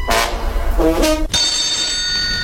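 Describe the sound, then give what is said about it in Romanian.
A telephone rings loudly, two quick jangling bell bursts followed by a steadier, sustained ringing tone, with no voices. “Nu cunosc decât telefonul lui Fănica. Îl chem pe el.”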